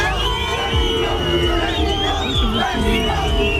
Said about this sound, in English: England's footballers have been booed by Mexico supporters as they arrived at their team hotel in Mexico City ahead of their World Cup game in the early hours of Monday.